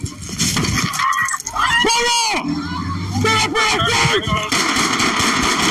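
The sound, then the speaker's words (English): A rapid burst of sharp gunshots cracks out as a St. Louis County police officer fires 11 shots into a car after a pool party in Spanish Lake, amid chaotic shouting, with breaking glass and loud, overlapping voices yelling through a noisy scene. “Louis County police officers giving conflicting orders before one officer fires 11 shots into their car after an unruly Spanish Lake pool party last month.”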